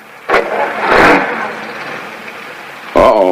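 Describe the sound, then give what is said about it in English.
A workman's car engine turns over and starts, then runs with a steady mid-pitched rumble as he drives off, with a brief voice breaking in at the very end. “The last of the workmen leaves in his car.”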